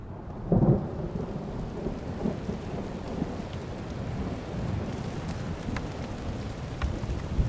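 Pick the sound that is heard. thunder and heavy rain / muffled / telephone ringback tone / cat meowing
thunder and heavy rain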